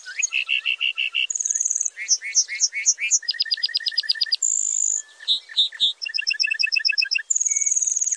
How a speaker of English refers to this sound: Then he begins a slow descent, flashing those white feathers with each flap of his wings. Flying back to earth, the bunting belts out a complex series of trills, whistles, and buzzy phrases.